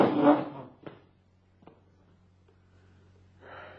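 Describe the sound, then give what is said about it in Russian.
A wardrobe door is opened with a brief scraping rattle, followed by two sharp knocks and a low shuffle as a huge travel suitcase is dragged out of the wardrobe and hauled to the door, all fairly quiet with no voices. “Наташа тем временем устремляется к гардеробу, открывает дверцу. В гардеробе стоит огромный дорожный чемодан. Она его выволакивает оттуда и оттаскивает к двери.”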